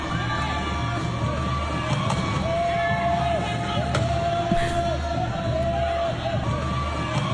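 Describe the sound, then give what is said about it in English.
Wheelchair rugby chairs collide with sharp, heavy thuds, several scattered bangs ringing out over a constant din of a crowd cheering and shouting. “I want everyone to listen out for the thuds, because that's the wheelchairs contacting each other.”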